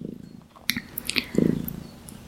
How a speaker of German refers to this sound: Falls ihr im Hintergrund so ein kleines Motorchen hört, das ist meine schnurrende Katze, die hier auf meinem Schoß sitzt.